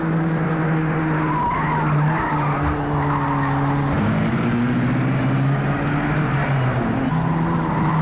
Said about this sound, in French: Cliff est dans la voiture de Genevois qui file à vive allure.